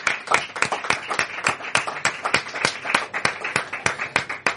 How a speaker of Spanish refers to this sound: Desde aquí le vamos a mandar un cariñoso aplauso